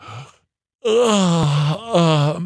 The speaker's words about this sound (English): Yawn.